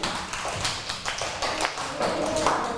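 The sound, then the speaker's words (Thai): A class of students claps together for group 2, as the teacher asks. Many overlapping sharp, quick hand claps form a steady, ragged burst of applause that holds at a moderate level for a few seconds. “ขอเสียงปรบมือให้กับกลุ่ม2ค่ะ”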